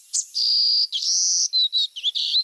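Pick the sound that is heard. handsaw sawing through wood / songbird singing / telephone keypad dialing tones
songbird singing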